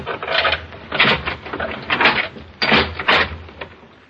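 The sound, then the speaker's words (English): A key rattles and scrapes in a lock in a series of clattering metallic clicks, followed by the clunk of a door being pushed open; the door to a room is unlocked with a key and opened. “Just open the door, please, and let's have a look inside.”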